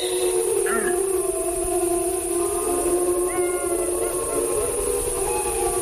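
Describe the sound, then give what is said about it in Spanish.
Deep, sustained howls of adult wolves communicating with other members of the pack overlap in a steady chorus, long drawn-out tones holding for the whole stretch at a fairly strong, even level with no talking. “Bueno, yo creo que estos son lobos adultos los que hacen estos aullidos así graves.”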